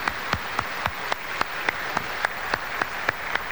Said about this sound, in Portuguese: Vamos acolher o diácono com uma salva de palmas. Bem-vindo.